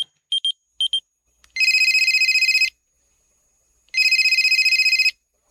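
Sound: telephone ringing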